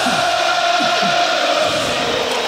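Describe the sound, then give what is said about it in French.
A huge stadium crowd sings the Marseillaise, the French national anthem, at the Stade de France before France played Italy, with Zinedine Zidane as France coach. A dense, sustained wall of voices holds long notes, loud and steady throughout, with no individual speech standing out. “Et voilà pour la première Marseillaise vécue, ressentie par Zinedine Zidane comme sélectionneur de l'équipe de France.”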